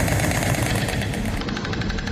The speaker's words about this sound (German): So klingt es aktuell in Herzogenaurach, eine Kleinstadt in Bayern. Da klappern die Störche.